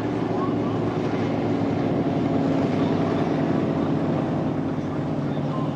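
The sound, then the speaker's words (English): The engine of a 1994 Wellcraft Scarab Thunder V-bottom speedboat roars loudly and steadily throughout, a dense, throaty drone with rushing water and wind noise, constant rather than fading. “great looking boat. It's a 1994 Wellcraft Scarab Thunder.”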